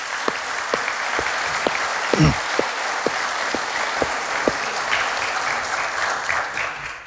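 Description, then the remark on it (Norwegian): An audience in a meeting hall applauds the people who set up the hall, steadily for several seconds, a dense wash of clapping with a few sharper, louder claps standing out near the start before it gradually thins out. “Vi bør gi dem en god klapp hva de har gjort.”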